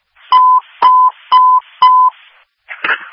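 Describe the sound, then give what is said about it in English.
Four identical electronic beeps of a fire dispatch alert tone, sent for a fire alarm call, sound in a steady, evenly spaced sequence, each a clear sustained tone of about a quarter second, followed by a short burst of noisy radio static. “Meridian fire on a fire alarm, 6157 Bridgewater Circle, 6157 Bridgewater Circle, crosses East Saginaw Highway, stand by for second tone.”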